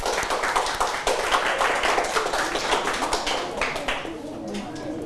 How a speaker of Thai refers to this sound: ครับโอเคปรบมือให้กับเพื่อนนะครับ